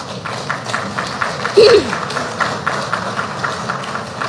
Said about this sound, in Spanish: Un fuerte aplauso a Yaricuna Cacho.